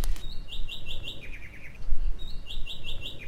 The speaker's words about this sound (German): Wer pfeift denn da oben so laut? Das ist eine Dannenmeise. Winzig, aber zäh. Die bleibt auch im Winter hier, wenn viele andere Vögel in den Süden fliegen.